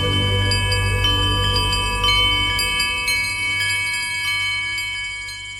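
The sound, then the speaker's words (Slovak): Many small bells tinkle and shimmer together in a steady, ringing wash, with scattered bright strikes over a low hum, slowly fading toward the end. No one speaks. “Bude to, ako by ste počuli miliardy malých zvončekov, mamičenka moja.”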